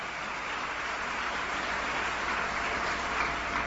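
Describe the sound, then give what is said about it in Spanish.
A church audience applauding steadily for the King of Kings and Lord of Lords, a dense wash of many hands clapping at once, fairly loud and even throughout with no voices standing out. “Denle un aplauso al Rey de Reyes y al Señor de Señores.”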